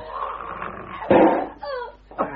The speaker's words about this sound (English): The dog's got loose. It's 2 days since he was fed. He's got the master.